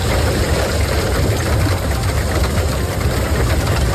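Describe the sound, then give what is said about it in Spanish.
A storm of heavy rain and hail lashes down in the afternoon in San Pau de Segúries, in the Ripollès, Catalonia, in a dense, unbroken roar, with a low rumble of wind underneath, steady and loud throughout, with no voices. “Así suena esta tarde San Pau de Segúries, en el Ripollès.”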